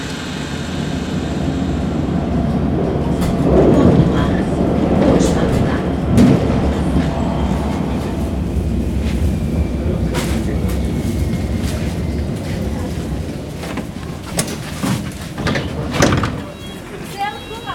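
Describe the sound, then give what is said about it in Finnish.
Metro station ambience at Kontula metro station: a train rumbles steadily through, with clanks and a door sliding, while indistinct voices murmur in the background over a constant low drone. “Metroasemalta lähtee leveä kävelytie Kontulan ostarin läpi.”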